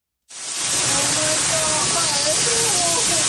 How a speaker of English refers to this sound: Shouts of panic and fear as … and her family helplessly watch a virtual river rush towards their St. Catharines, Ontario property